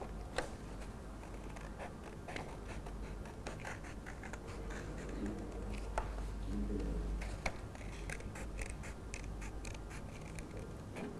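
Scissors snip steadily through paper as a teacher cuts out a mango shape, a series of crisp cuts and rustles repeating irregularly over a faint low background hum, with no one talking.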